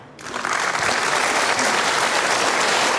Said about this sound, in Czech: Děkujeme za ten potlesk. V každém případě vítejte.